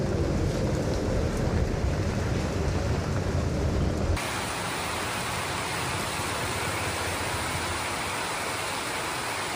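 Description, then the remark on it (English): Heavy rain pours down on a metal roof in Chennai in a dense, steady hiss, with a rumbling low roar of thunder at first that drops away partway through, leaving the even downpour. No one speaks. “Wow, listen to that rain come down on this metal roof. Can you hear that thunder?”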